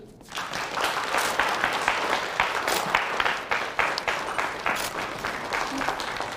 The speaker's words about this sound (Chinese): 今天蜀川公交集团有爱无爱、温暖出行、听证会的主角以及家人们已经来到了现场，我们掌声欢迎他们。